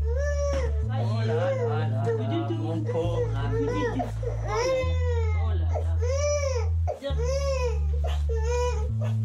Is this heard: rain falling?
no